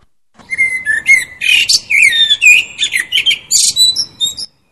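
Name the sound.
blackbird singing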